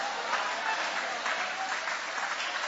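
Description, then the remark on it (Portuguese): An audience applauding together with raised hands during a church worship service, a dense, steady wash of many hands clapping that holds at an even, fairly loud level from start to finish. “Levanta a mão e vai aplaudindo, levante a mão e vai adorando.”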